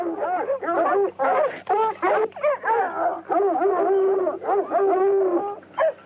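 A dog whimpers and yips: a rapid string of high, wavering whines and short yelps, loud and nearly continuous, with only brief breaks between bursts.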